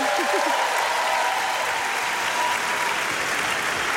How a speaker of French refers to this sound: j'aimerais qu'on se rende compte du ballet impressionnant et presque impossible que vont devoir réaliser les techniciens et techniciennes pour que tout ça puisse avoir lieu. Je pense que vous pouvez les applaudir.